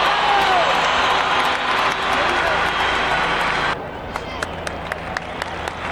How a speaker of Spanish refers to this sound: ¡Vamos Nacional! ¡Siempre Nacional! ¡Un aplauso para James Rodríguez!